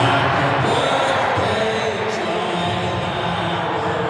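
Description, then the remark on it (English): A stadium crowd of about 30,000 NRL supporters voices birthday wishes for a Rabbitohs forward in a dense, sustained roar, loud and steady throughout with no single speaker standing out. “30,000 voices sharing one wish.”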